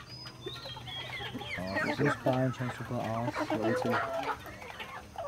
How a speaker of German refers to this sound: Hühner geht's gut? 1000 Maran-Hühner leben hier. Sie sind bekannt für hochwertige Eier.